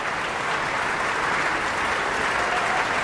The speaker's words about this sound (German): Michael Volle hier, der seinen Applaus entgegennimmt.